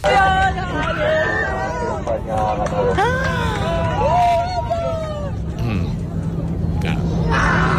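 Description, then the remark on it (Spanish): Argentine passengers aboard an airplane shouting and cheering with joy as they celebrate, with overlapping excited voices and rising whoops over a steady low engine hum. The pilot's voice saying 'España ha ganado' is heard amid the shouts. “Se puede escuchar en mitad de los gritos de alegría de los pasajeros la frase lapidaria del piloto: España ha ganado.”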